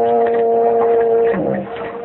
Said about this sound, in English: I heard whistle a big ship. No, you didn't. That was just a foghorn.